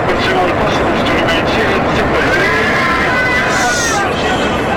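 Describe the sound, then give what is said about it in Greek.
A loud, steady roar fills the cabin of a Fly Dubai airliner flying from Dubai to Tel Aviv as it loses altitude, with a confused babble of raised, screaming passengers' voices mixed into the constant engine and air noise throughout. “Το αεροπλάνο χάνει ύψος.”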